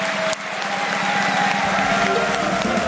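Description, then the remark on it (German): A large audience applauds steadily as all the guests of the show are called back onto the stage, a dense wash of clapping that stays loud and even for the whole stretch, with no voices standing out above it. “Und jetzt bitten wir mit einem frenetischen Applaus alle Gäste nochmal auf der Bühne, die da waren.”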